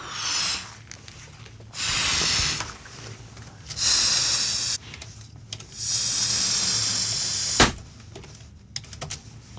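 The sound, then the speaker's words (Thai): A balloon is being blown up with several long, breathy puffs of air, fairly loud, separated by short pauses, with a brief sharp rubbery snap near the end; the balloon is being blown up big for a little girl. “นี่แหละครับเสียงนี้แหละเด็กๆ เป็นเรื่องราวสนุกเลยเด็กหญิงพันให้พี่แมวเป่าลูกโป่งให้มันลูกใหญ่ๆนะแต่ว่าพี่แมวแต่ไม่ว่าพี่แมวจะเป่าลูกใหญ่แค่ไหนเด็กหญิงพันก็ไม่พอใจ”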